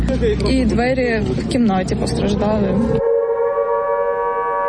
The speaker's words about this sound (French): Plus tard dans la matinée, les sirènes retentissent à nouveau à travers Kiev. Rappel pour les habitants que la menace de nouvelles frappes russes est désormais constante.